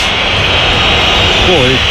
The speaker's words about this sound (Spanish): Primera parte, quiero escuchar primero al Bernabéu. Pitidos.